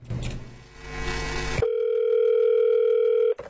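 A loud, steady electronic telephone tone holds unbroken for nearly two seconds, cutting off abruptly, after a brief burst of noisy, buzzing sound at the start. It rings as the anti-fraud centre places a call.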